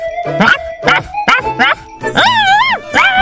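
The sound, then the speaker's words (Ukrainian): A dog barks several times in quick, uneven bursts, then lets out a longer, rising-and-falling yelp before one more short bark, as it runs at an intruder and grabs him by the leg. “Побігли тут собака. Здається, зараз нас спіймають.”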